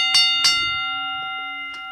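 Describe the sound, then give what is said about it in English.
A bell is struck twice in quick succession to start a timer, bright, each strike leaving a steady sustained ringing tone that hangs in the air, followed by a couple of faint taps. “I've got to get the official bell ready to go.”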